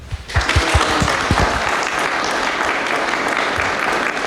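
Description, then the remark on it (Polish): An audience bursts into sustained applause for a traditional music group from Żuraw, a dense wash of clapping that starts abruptly and holds steady and loud for several seconds, with a few low thumps near the start. “No to zgromadzonych prosimy o oklaski.”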